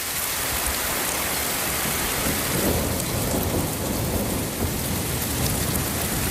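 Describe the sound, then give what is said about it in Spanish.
A thunderstorm in the Madrid region with steady heavy rain pouring down and a low, rolling rumble of thunder building in the middle, loud throughout with no voices. “Bajada notable de las temperaturas tras la tormenta que descargó con fuerza ayer en varios puntos de la región.”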